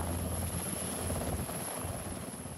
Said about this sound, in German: Für die Feuerwehrleute der Freiwilligen Feuerwehr Friedrichskoog war das ein ungewöhnlicher Einsatz. Zum Brand geht es nicht mit Feuerwehrautos, sondern mit einem Hubschrauber der Bundeswehr.